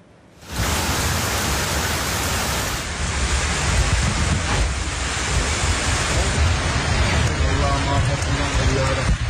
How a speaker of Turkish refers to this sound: Niğde'de dün sağanak yağış etkiliydi. Gümüşler beldesinde sokaklar nehre döndü, sular önüne çıkanı sürüklemeye başladı.